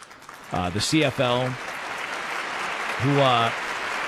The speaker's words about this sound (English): I think it's inspirational and I admire it a lot. So I would like to give a round of applause to the CFL.